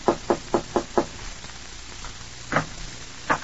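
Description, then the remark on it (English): A quick run of five sharp knocks on a wooden door upstairs, evenly spaced, followed by a pause and two more isolated knocks, moderately loud with no voices. “Your throat feels a little tight as you go upstairs and knock on the door.”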